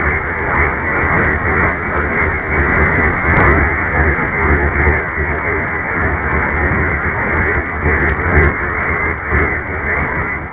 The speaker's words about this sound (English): Now, let's eliminate all of the static below.